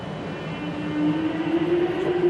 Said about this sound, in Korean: 5호선 ABB 구동음. 정답. 호선은 물론 기종까지 맞춰버렸습니다. 이거 어떻게 아는 거예요? 이거 그냥 지하철 출발이잖아. 이런 구동음 나오는 건 5호선밖에 없어요.